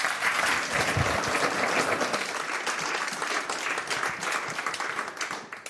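A crowd applauds steadily for a singer about to perform songs from her album, a dense patter of many hands clapping at a fairly loud, even level for several seconds before tapering slightly at the end.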